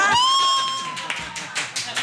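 An audience bursts into cheering and applause after guessing a song, opening with a high, sustained whoop before scattered claps and shouts rise and fall in quick, loud surges.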